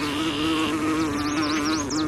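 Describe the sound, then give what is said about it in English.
A bumblebee buzzes steadily, a low droning hum that wavers slightly in pitch, with faint high chirping birdsong flickering above it. “Many flowers roll out the red carpet for desired visitors like hummingbirds and bumblebees, with bright colors and petals that act as landing pads.”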